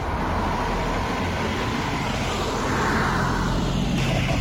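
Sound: car arriving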